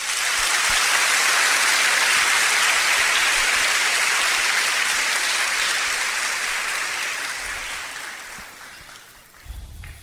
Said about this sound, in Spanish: Si es palabra de Dios, hay que darle un fuerte aplauso.